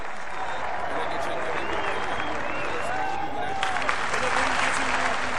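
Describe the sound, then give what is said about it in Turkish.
A large crowd of fans applauds a wrestler at a traditional oil-wrestling meet, clapping steadily, with scattered cheers and shouts rising over the dense, continuous clapping throughout, echoing as in a big open arena. “Tabii o da kendisini alkışlayan taraftarlarına selamlar dağıtarak iri gövdesini sallaya sallaya en son olarak yağ kazanının yanına geldi ve yağlanmaya koyuldu.”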